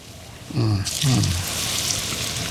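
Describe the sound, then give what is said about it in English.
Plantain pieces sizzle in a frying pan, a steady crackling hiss that starts abruptly and keeps going at an even level, with a brief low voice murmuring over its beginning. “And you're going to have that little sizzle going on.”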